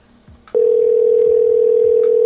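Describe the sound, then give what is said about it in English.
After a soft click, a steady, loud electronic phone tone starts and holds unbroken to the end, like an outgoing call ringing on the line while waiting for someone to pick up. “All they need to do is stop and answer the phone.”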